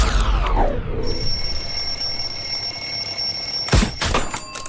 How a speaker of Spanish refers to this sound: Desarrollé la habilidad de apagar la alarma del despertador dormida, pero no me está gustando.